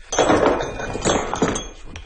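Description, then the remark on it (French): A hammer strikes stone several times at an uneven pace, each blow a sharp clink with a dull knock beneath it. No one speaks. “Un autre marteau.”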